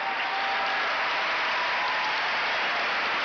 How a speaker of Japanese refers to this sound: 結びの一番のアナウンスにおっきの拍手と歓声です。秋場所12日目結びの一番を迎えた国技館。